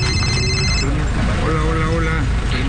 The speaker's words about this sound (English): His phone keeps ringing.